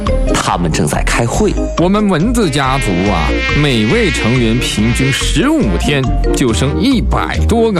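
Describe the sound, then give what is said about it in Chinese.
Loud, continuous buzzing of mosquitoes and flies, a crowded drone with warbling, chattering pitch swoops that sound like voices imitating insects buzzing together. “听见没？这些家伙开小会呢。”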